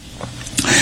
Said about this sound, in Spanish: Hoy la tos no me deja.